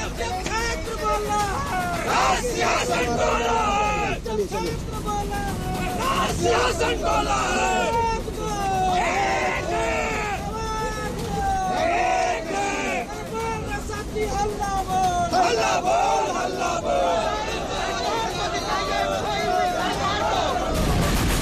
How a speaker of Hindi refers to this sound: हाथ में संविधान की कॉपी, भारत माता की जय के नारे और इंकलाब जिंदाबाद की गूंजती आवाज।